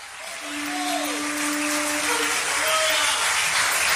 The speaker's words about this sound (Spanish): Dale un aplauso al Señor Jesucristo.